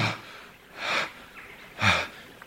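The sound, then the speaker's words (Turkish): Three harsh, strained gasping breaths from a sleeping person who is choking and cannot breathe, spaced about a second apart, each a raspy rush of air, with no talking. “Allah Allah, Allah Allah, boğuluyor sanki, nefes alamıyor.”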